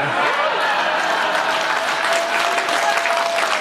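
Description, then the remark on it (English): A large crowd applauds President Trump loudly and steadily, a dense, continuous wash of clapping that fills the whole few seconds without a break. “And I know a lot of people think a king's visit is largely symbolic, but he actually got President Trump to remove the tariffs on Scotch whiskey, which earned Trump some serious applause from a prominent Democrat.”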